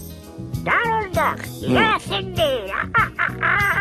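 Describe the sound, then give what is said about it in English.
A voice imitates Donald Duck's garbled, quacking speech for National Donald Duck Day, in a quick, raspy burst of syllables, fairly loud, over a low steady background hum. “Donald Duck. Yes, indeed. I know. Did I do that okay?”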